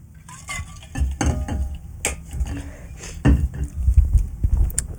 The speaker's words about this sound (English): So, like, sorry, I need a sip of water.